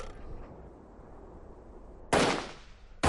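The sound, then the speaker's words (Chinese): After a low, steady rumble, a loud burst of gunfire erupts all along the Independent Regiment's line in a battle with Japanese troops and rolls away, followed by another sharp crack at the end; no one speaks. “战斗终于打响了，随着李云龙一声枪响，独立团阵地全线枪声大作，事先埋下的炸药混合着投掷过去的手榴弹，在日军阵型内部全面开花”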